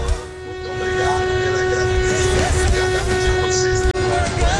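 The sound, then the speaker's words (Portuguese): A vehicle horn blares in one long, steady honk that runs almost the whole time, loud, over a rumbling, noisy outdoor background with other fainter horn tones mixed in, during a mass honking protest (buzinaço) in Três Lagos. “Buzina aí! Bora, Léo! Três lagos aqui no buzinaço!”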